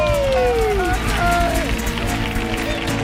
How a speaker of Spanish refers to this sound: Que suene una atronadora y cariñosa ovación para recibir al director de la Bienal, Luis Ibarra, y a la directora del Ballet Flamenco de Andalucía, Patricia Guerrero. ¡Por favor, fuerte el aplauso para ellos!